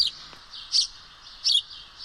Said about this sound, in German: So hört er sich an, der Haussperling oder einfach gesagt der Spatz. Er gehört zu den häufigsten Brutvögeln in Deutschland.